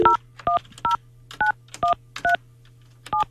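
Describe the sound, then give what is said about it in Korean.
A quick run of eight telephone keypad tones, each a short two-note beep spaced at a steady dialing pace, clear over a faint low hum, with no talking, as a host dials a caller's older sister. “자, 언니에게 제가 전화해볼게요.”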